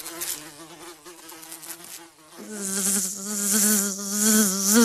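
Flies buzz in a continuous, wavering drone that thickens partway through, as if more insects join in, growing louder and fuller toward the end. No voices are heard.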